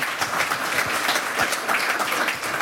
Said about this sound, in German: Bitte einen herzlichen Applaus